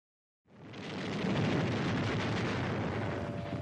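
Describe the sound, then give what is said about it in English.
After a brief silence, heavy cannon fire from the Vichy Admiralty's guns in Algiers, firing on two British destroyers trying to enter Algiers harbor, erupts into a loud, continuous roaring rumble, the booms blending together into a dense barrage rather than separate distinct shots. “At the same moment, the cannons of the Vichy Admiralty that hasn't been occupied by the resistance open fire on two British destroyers trying to get into Algiers harbor.”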